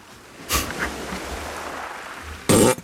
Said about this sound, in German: hat schon wieder gefurzt.